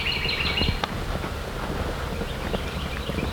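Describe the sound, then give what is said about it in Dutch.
A bird sings a brief, high warbling phrase in an open field, fairly faint and mostly in the first moment, over steady wind rumble and soft low thumps. “Wat is dit voor een vogel, die? Ik weet niet wat een vogel. Nee, fluit zo mooi.”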